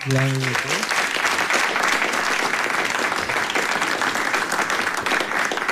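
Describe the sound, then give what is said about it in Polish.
Loud, sustained applause from a crowd in Opole for a Kraków jazz band whose debut album has just gone gold, dense clapping filling the whole stretch, with a brief voiced tone at the very start before the clapping takes over. “Pokryła się złotem, więc od razu może brawa.”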